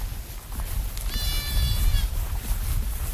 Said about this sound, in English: Back on the hill with the goats, the gentleness overwhelms me. There's more babies over there, you see?